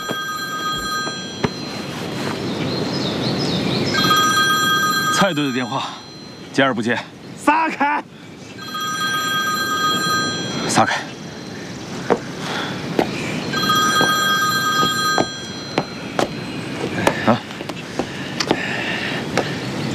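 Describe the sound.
A telephone rings over and over in regular bursts, never picked up, while voices and scuffling noise carry on around it; a call to the team captain goes unanswered.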